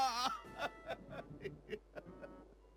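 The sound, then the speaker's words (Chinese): Tearful crying from one person: a brief wavering wail, then a steady run of about eight short, gasping sobs in quick rhythm, someone weeping with joy. “听到万德福喜极而泣的哭声，高大侠这才意识到自己刚才是昏睡过去了。”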